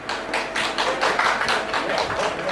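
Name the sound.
audience applause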